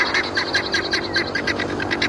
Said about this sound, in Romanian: Na, este o bibilică. Ai auzit vreodată de bibilică? Nu. E bine, uite că afli lucruri noi și de la mine. Ea este o bibilică.